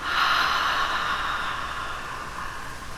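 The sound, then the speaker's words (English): A long, slow breath drawn in through the nose and out through the mouth, a steady airy hiss that gradually softens over a few seconds, with no talking. “Take one slow breath in through your nose and out through your mouth.”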